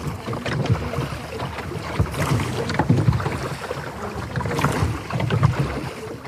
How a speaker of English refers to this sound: How long have you been rowing on this? Oh, gosh. We started this, the boat, in 2019, I think it was. 6-7 years.